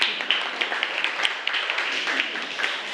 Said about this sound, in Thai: ราชสีมาถูกต้องค่ะปรบมือให้กับเพื่อนด้วยค่ะ